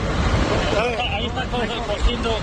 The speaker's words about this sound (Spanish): El más preocupante de todos sigue siendo el de La Mierla, en la provincia de Guadalajara. Escucha, mira el helicóptero donde está echando.